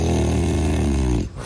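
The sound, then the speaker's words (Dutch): A dog lets out one drawn-out, low, throaty vocal sound, loud and steady for just over a second before it abruptly stops. “Is luisteren wat je hond daar zelf eigenlijk van vindt.”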